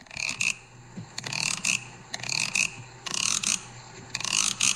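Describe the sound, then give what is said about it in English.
A bamboo synthesizer, a plain piece of bamboo with cuts in it, is played alone. A bamboo stick is scraped along it in quick rattling, ratchet-like bursts that repeat in a steady rhythm of loud, bright clusters separated by short pauses. “And if you come down here, we have another bamboo instrument by the name of a bamboo synthesizer.”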